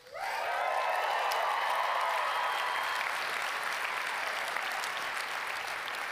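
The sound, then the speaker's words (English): A large audience breaks into sustained applause for news that the speaker's wife was received into the Catholic Church, loud and steady throughout, with a dense wash of many hands clapping at once and no talking over it. “I'll tell her that you clapped more for her being Catholic than you did for her marrying me.”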